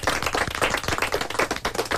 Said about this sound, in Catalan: I ara que estan fent aplaudiments, he de demanar també un altre, el nostre tècnic,